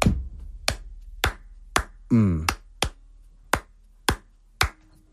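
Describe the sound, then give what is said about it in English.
Sharp, crisp hand claps land in an uneven, syncopated Cuban clave pattern, about nine in all, with a brief voiced vocal sound slipping in between them partway through. “But clave doesn't work like that. Their hand claps go one.”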